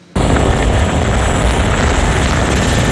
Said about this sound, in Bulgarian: Това видео показва гасенето от хеликоптер Кугър в гората над Медвен. В най-критичните часове вчера селото е спасено по въздуха.